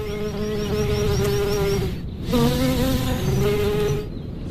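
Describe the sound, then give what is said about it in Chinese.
A large, furry bumblebee, twice the size of a honeybee, buzzes loudly in flight over a cold alpine scree slope among flowers. Its deep steady drone wavers in pitch, with a brief dip around the middle before the hum swells again. “花朵听到它巨大的嗡嗡声，就会加速生产花蜜，就像是传说中的芝麻开门一样。”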